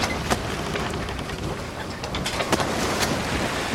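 A steady, dense rush of water and engine noise from a boat at sea, leaving Brindisi and crossing the Adriatic Sea, with occasional sharper splashes of waves breaking against the hull; no voices.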